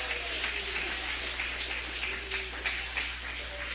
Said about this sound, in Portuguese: Pode bater palmas e dar glórias ao nome do Senhor.